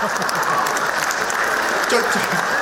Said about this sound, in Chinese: 就这模样的，你还给鼓掌呢？